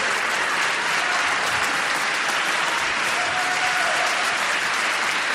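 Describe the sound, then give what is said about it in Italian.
Sustained applause from an audience, a dense, steady wash of clapping hands that stays loud and even throughout, with no voices standing out above it. “Questo applauso vorrei dedicarlo a Totò e soprattutto è una grande amica che ci ha lasciato, che ha scritto questa musica e che l'ha anche interpretata meravigliosamente,”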